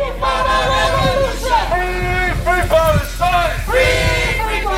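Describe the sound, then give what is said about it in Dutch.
A crowd of protesters on a march at the AZ stadium in Alkmaar, waving Palestinian flags before a Europa League match against Israeli club Hapoel Beersheva, chants slogans loudly, many voices shouting together in rhythmic bursts that rise and fall over steady background hubbub. “Er is een protestmars waarbij demonstranten met Palestijnse vlaggen zwaaien en leuzen roepen.”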